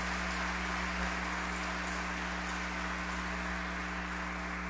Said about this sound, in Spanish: Hermanos y hermanas, a los cumpleañeros de este domingo, tenemos varios cumpleañeros hoy, los vamos a felicitar con un fuerte aplauso. ¡Feliz cumpleaños!